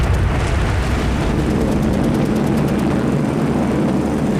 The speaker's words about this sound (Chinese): 1938年11月8日，天空中突然传来大片飞机引擎的轰鸣声。就在这一天，加拿大学校的孩子和当地的百姓一起，共同经历了日军对成都的第一次大轰炸。